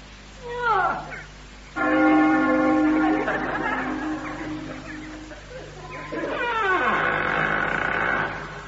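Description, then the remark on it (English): A large bell, rung with a great rusty iron ring, clangs loudly, its metallic tone ringing out and slowly fading, with sliding, crowing-like calls sounding before and after it. “Ring the bell.”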